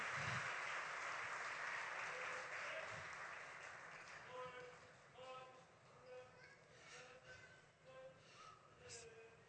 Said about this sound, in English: A strong applause.